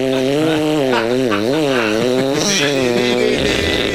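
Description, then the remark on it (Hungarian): A voice imitates a saw with a loud, continuous buzzy tone for about four seconds, its pitch wobbling up and down in repeated waves. “Te ez a fűrész, ami nem hasonlít valamilyen, tudod, amikor ilyen gőzborotvaként ülsz le a WC-re, és ilyen, tehát, mutatom a fűrész hangot, figyeld?”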